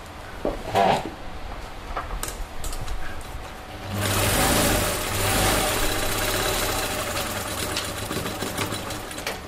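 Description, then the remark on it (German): A sewing machine hums quietly with a faint mechanical whir, then runs steadily and louder from about four seconds on, its rapid stitching rattle continuous and even, with no talking. It is a designer's sewing machine in a brightly decorated fashion salon in the 4th District that specialises in fashion made from African fabrics. “Barbara Ali sitzt an ihrer Nähmaschine.”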